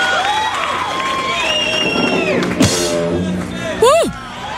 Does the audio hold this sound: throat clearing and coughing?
no